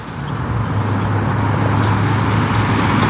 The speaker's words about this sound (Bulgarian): И в момента трафика по автомагистрала Хемус в посока изход от София е засилен, както може да видите и зад мен. По данни на Националното тол управление, само за последния час от тук са излезли над 3500 автомобила.